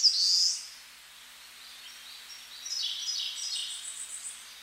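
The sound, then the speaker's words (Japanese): Thin, high-pitched calls of white terns (manu-o-kū), a sharp burst at the start followed by a scattered run of chattering notes, with no voices present. “本来マヌオクーは海の鳥です。”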